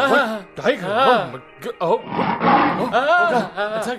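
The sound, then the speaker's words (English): A voice imitates a tiger's roar, with loud, drawn-out growling roars rising and falling over about four seconds, and a rougher, raspier burst in the middle. “Even more than that, one day when he was with the Guru, a tiger attacked the emperor.”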